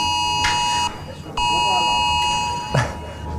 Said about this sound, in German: Ja, wie geht das Ding wieder aus? Das haben sich viele gefragt, als das Smartphone das Signal gegeben hat. Oder in meinem Fall war dann auch noch eine Smartwatch dabei.